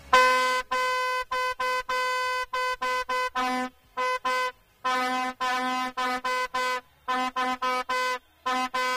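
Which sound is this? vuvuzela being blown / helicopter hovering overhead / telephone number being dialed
vuvuzela being blown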